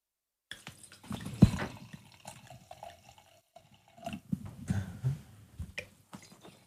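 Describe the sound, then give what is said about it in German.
Wine from a screw-cap bottle is poured into glasses in a couple of bursts, a gurgling trickle of liquid with small drips and clinks, pausing briefly before a second pour. “Und jetzt gießen wir ihn ein.”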